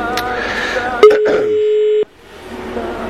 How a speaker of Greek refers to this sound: Έλα, βρε, παιδιά, το τηλέφωνο. Έλα, βρε, παιδιά. Η κλήση σας προωθείται. Προσπαθούμε να μιλήσουμε με το δήμαρχο. Προσπαθούμε να μιλήσουμε με το δήμαρχο. Το δήμαρχο Ινουσών.